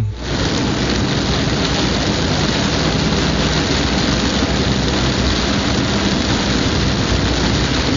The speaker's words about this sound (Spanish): A ver, el siguiente sonido es de la carretera kilómetro 35, carretera Victoria Padilla, por la entrada a la presa Vicente Guerrero, donde está el pecesote. Por ahí, ya está lloviendo.